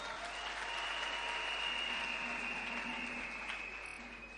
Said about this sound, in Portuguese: Senhores membros do Conselho Consultivo da Presidência da República, senhora Presidente do Conselho Municipal da cidade de Pemba, nosso anfitrião, que peço uma grande salva de palmas.